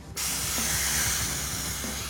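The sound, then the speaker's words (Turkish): Air hisses steadily out of a train car's air brake line as the air to the car is cut off to disable its brakes, near Anchorage: a loud, broad rushing blast that starts abruptly and holds without pause, with a faint low rumble beneath it. “Bu vagona giden havayı kesip frenlerin çalışmasını engelleyeceğiz.”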